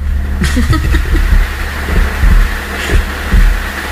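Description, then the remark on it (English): Rolling thunder rumbles low and steady throughout, swelling and easing in loudness, with a few sharper cracks and thuds breaking through the deep continuous roar. No one speaks. “Looks like that thunder's going to roll right into the house.”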